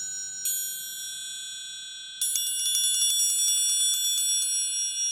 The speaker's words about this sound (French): le triangle, c'est un instrument monodique